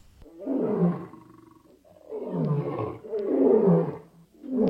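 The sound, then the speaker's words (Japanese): A young lion roars up close, several loud, rumbling growls rising and falling in quick succession, about four bursts with short pauses between them and no voices. “両親と共にティムナに向かう途中、サムソンは若いライオンに襲われますが、主の霊が激しく注がれ、呼吸 を持たずに素手で子ヤギを引き裂くようにライオンを引き裂きました。”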